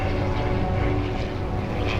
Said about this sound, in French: Soudain, un bruit là-haut attire son attention. Oh, c'est un avion ! Un avion !